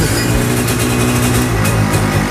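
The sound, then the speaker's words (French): A small two-stroke kart engine runs loud, its buzzing, raspy drone holding a steady pitch with slight wavering throughout, with no voices. “Ça, c'est vraiment le bruit d'un moteur deux temps.”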